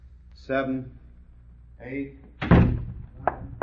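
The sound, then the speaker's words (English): A door slams shut with a loud thud, followed by a couple of faint clicks. Brief muffled voices come just before it. “Shut the door.”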